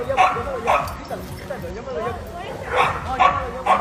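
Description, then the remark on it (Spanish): Dogs bark in sharp bursts, with high whining whimpers and yelps in between, a frantic, agitated tangle of canine noise as a Husky attacks another dog, a hound, in Jalisco, Mexico. “es una desalmada que le echó su perro Husky a este otro sabueso inocente.”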